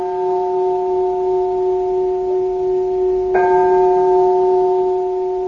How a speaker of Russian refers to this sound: А теперь давайте снова послушаем звон колоколов.